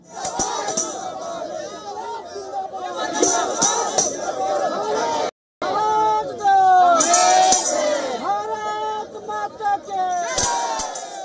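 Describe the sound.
A large crowd of students protesting alleged wrongdoings in Jharkhand Public Education and Jharkhand Staff Selection Commission examinations, demanding accountability from the Hemant Soren government, chants and shouts together in loud, rising and falling waves of voices, with a brief silent gap midway before the chanting resumes just as strongly.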